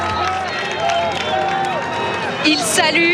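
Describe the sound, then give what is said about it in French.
A large crowd cheers and shouts for Pope Leo as he passes on foot greeting them, a steady, dense roar with many overlapping voices rising and falling and scattered clapping mixed in throughout. “Écoutez la foule.”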